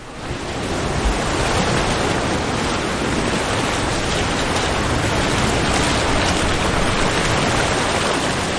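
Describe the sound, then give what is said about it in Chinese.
A steady, full roar of Atlantic Ocean surf washing onto a beach where Magellanic penguins cross into the sea, constant and fairly loud throughout, with no distinct breaks between waves and no voices. “还有许多麦哲伦企鹅穿越海滩到大海里寻觅清凉。”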